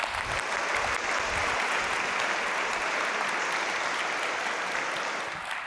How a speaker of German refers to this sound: Genau. Super. Ihr macht sehr gut mit hier beim Applaudieren. Das ist immer wichtig bei so einer Awardshow. Da wird viel applaudiert.